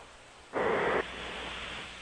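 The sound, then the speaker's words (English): A single harsh, breathy snore from a sleeping man on hold on a phone call rises out of a steady, hissy telephone line, lasting about half a second, then fades back to the static. No one speaks. “Is he snoring? Yeah, listen.”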